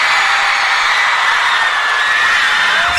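A large audience applauds and cheers loudly and continuously, with shrill screams rising above the dense wash of clapping and shouting.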